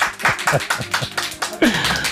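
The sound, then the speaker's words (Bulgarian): A small audience of colleagues claps steadily for a couple of seconds, a dense patter of hands with a brief voice rising under it near the end. “Колеги, моля ви за вашите аплодисменти.”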